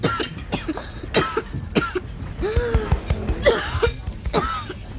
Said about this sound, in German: Hör auf, lass die Husterei. Vielleicht steckt ihm was im Hals. Glaub mir, Husten ist seine Stärke. Er macht das absichtlich, bestimmt.